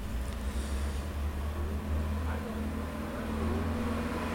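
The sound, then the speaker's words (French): Steady city street traffic by the Boulevard Saint-Germain, with a deep, continuous engine rumble as a green car, a large white truck, a breakdown van, a taxi and a motorbike carrying two people pass by, over a constant wash of road noise and no clear talking. “Une voiture verte, suivie d'un grand camion blanc, passe devant nous, près du boulevard Saint-Germain.”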